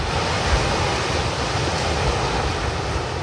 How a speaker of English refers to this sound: That's one of the sounds of my summer, early morning waves at a patch of public sand at South Walton Beach in Florida.